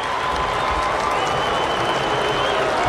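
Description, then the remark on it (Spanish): A large stadium crowd applauds goalkeeper Dibu as the Argentina national team comes back out, a dense, continuous wash of clapping at fairly loud level with a faint murmur of voices mixed in, holding even for the whole stretch. “Mira, escuchen los aplausos para el Dibu.”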